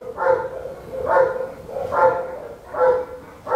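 A bored Belgian shepherd dog barks in a kennel at the Heppenheim animal shelter in Germany, five loud, evenly spaced barks about a second apart, with no one speaking.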